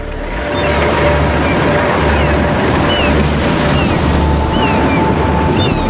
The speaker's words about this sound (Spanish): Pocas fuerzas de la naturaleza son más aterradoras que las olas en plena tormenta. La energía del océano lanzada contra la costa.